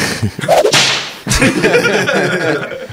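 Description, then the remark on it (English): A whip cracks loudly, a whooshing wind-up snapping into a sharp crack, followed by a second crack and a noisy, rustling tail with no talking. “I found the whip, by the way.”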